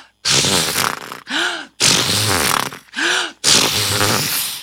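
A sound effect of seahorses neighing: loud, snorting bursts alternate with two whinnying calls whose pitch rises and falls, with no talking.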